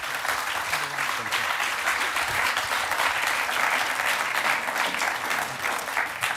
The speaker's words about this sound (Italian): Il Lazar l'ha scritto Nelio Biderman, che è qui accanto a me, che saluto e che accoglierai con un applauso.